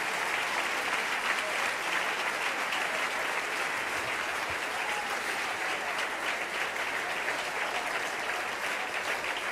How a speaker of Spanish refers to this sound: Damos un aplauso al Señor por estas vidas.